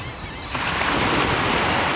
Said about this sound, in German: Frieden klingt wie ein Meeresrauschen und ein Vögelzwitschern oder ein Möwenzwitschern am Strand. Die Wellen brechen auf den Strand ein, große Wellen, auch kleine Wellen.